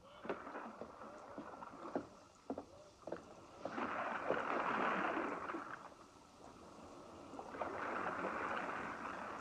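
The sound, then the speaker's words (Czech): The general's rowboat pushes off across water, with sharp knocks of oars and wood followed by broad swells of splashing and rushing water from the strokes, steady. “Generálův člun odrazil.”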